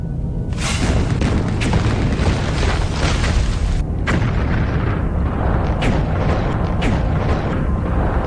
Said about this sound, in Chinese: 过了不多久，从小丰满水电站方向传来一阵剧烈的爆炸声。原来曾泽生命令554团找了几个空地方引爆了埋好的炸弹，但水电站却安然无恙。